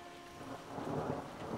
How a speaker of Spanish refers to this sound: ¡Lluvia! ¡Está lloviendo! ¡Me encanta la lluvia! Bueno, en realidad no, pero... ¡Adiós, Quack! ¡Tengo que irme! ¡Está lloviendo!